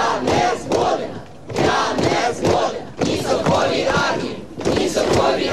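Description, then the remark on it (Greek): A large crowd of Ukrainian protesters in the streets of Kyiv or other Ukrainian cities chants in loud, rhythmic bursts, opposing the dismissal of Mykhailo Fedorov, voices rising together in repeated slogans with brief dips between phrases, a dense wall of shouting outdoors. “Εκατοντάδες Ουκρανοί βγαίνουν στους δρόμους του Κιέβου και άλλων πόλεων και εναντιώνονται στην αποπομπή του Μικαήλο Φεντόροφ μόλις 6 μήνες μετά το διορισμό του.”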